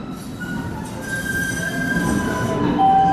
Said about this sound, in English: The next big train to Boston College is now boarding. I took the Green Line and got off at Harvard Ave in Allston.